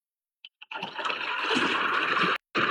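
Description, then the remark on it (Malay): Very large ocean waves surge toward a small sampan boat in a loud, sustained roar of rushing water as the weather suddenly turns, opening with a couple of quick splashes, breaking off briefly near the end, then crashing back in. “Tiba-tiba muncullah ombak yang sangat besar menuju Boru Saruding, hingga dia pun tak mampu mengendalikan sampan yang ditumpanginya.”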